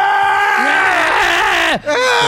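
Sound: scream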